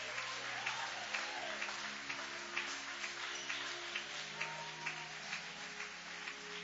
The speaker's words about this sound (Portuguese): Levanta essa mão, bate as palmas e louve o nome de Jesus. Bate as palmas e dá glórias.